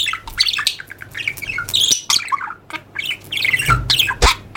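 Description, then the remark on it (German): A budgerigar chirps and squawks in rapid, busy bursts, bright trilling calls tumbling over each other, with a few sharper squawks standing out near the end. “Also ähnlich, wie sich viele einen Wellensittich vorstellen.”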